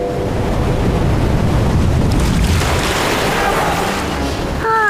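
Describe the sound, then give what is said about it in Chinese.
Loud, steady ocean surf washes continuously onto the sandy shore of an atoll with nothing to block the waves, with a swelling rush in the middle and a brief voice-like tone cutting in at the very end. “更正一下， 这个环礁上面没有任何东西可以抵御海浪的侵袭。”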